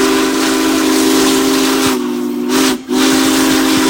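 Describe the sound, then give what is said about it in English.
A loud, sustained whistle of the Union Pacific Big Boy steam locomotive, one of the biggest ever built, blows a steady chord over broad hissing steam on a transcontinental journey through Nebraska, dipping briefly twice near the end before sounding again, powerful with no voices. “The sounds of yesteryear come to life across the plains as folks gather at railroad crossings for a glimpse of Big Boy.”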